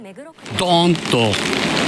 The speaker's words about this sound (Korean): 거센 비바람에 우산을 제대로 쓰지 못할 정도입니다. 제25호 태풍 두지안이 어제 오후 도쿄 등 일본 수도권을 할퀴고 지나가면서 6명이 숨지고 6명이 실종됐습니다.